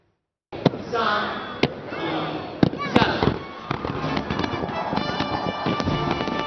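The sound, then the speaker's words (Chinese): Fireworks burst in a rapid outdoor display over Victoria Harbour, Hong Kong, at the National Day fireworks show on the evening of 1 October, several sharp booms cracking over a steady wash of crackling and rumble, with a crowd's murmur blending into the dense background. “当第一声烟火响彻云霄，市民和游客纷纷抬头，举起手机记录下璀璨夺目的烟花盛会。”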